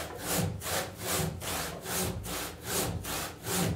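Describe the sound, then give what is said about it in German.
A very thin hand saw, ordered specially instead of using a chainsaw, cuts steadily and carefully through wood so the lower deck can be glued back together. Its rasping strokes repeat in an even back-and-forth rhythm, clear with no voices present. “Und deshalb haben wir die Säge bestellt, so eine ganz dünne Säge.”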